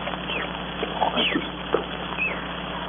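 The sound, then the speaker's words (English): Monkeys chatter in the jungle with scattered high squeaks and short yelping calls over a steady hiss of background noise. “Monkeys are crazy monkeys. I could strangle them.”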